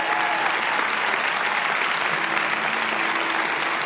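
A church audience applauds steadily, a dense, loud wash of many hands clapping at once with no pauses; no one speaks over it.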